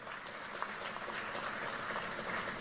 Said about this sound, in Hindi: कलिता जी के लिए ताली बजाओ जरा।